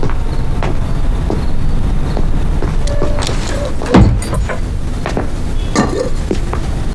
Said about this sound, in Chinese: 关门。